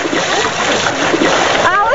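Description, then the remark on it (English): A bloody wave carrying a tattered raft rushes and splashes onto a beach shore in a steady wash of water that lasts throughout, with a brief voice-like cry rising over it near the end. “Alex's tattered raft washes onto shore in a bloody wave.”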